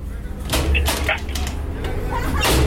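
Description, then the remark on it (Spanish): Several sharp knocks rap on a door in an uneven sequence, fairly loud, over a steady low rumble of background noise. “¿Quién toca la puerta?”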